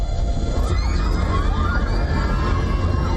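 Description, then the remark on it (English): A dense, loud chorus of school children screaming and crying at once at an elementary school during an earthquake, many overlapping high voices forming a continuous chaotic din, with rumbling noise underneath. “In a video shared by Mahayahay Elementary School on social media, school children were seen screaming and crying during the quake.”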